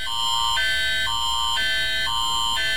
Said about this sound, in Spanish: Ese es el sonido. Así va a sonar. Sí. No se calla. Y luego si a lo mejor se pone a bailar el celular ahí. Se pone, sí. Bueno, vamos a ver. ¿Confías en que la alerta, esa alerta de sismo que se está escuchando ahí en los celulares funcionará